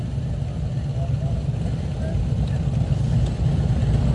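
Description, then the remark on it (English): Steady low engine rumble from several motorcycles of a motorcycle community moving into a broadcast location, idling in a thick continuous drone with a murmur of voices blended in underneath. “He promised us a little look back on sports and September 11th as the motorcycle community continues to move into where we were broadcasting from.”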